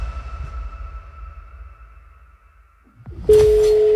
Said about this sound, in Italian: Primo squillo, dai.